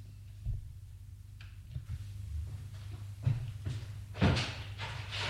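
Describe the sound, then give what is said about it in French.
A door opens with a few dull knocks and clunks, the loudest near the end, over a steady low hum. Nobody speaks. “La porte s'est ouverte.”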